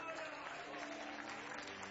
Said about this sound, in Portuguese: Tem alguém que pode aplaudir ao Senhor nosso Deus?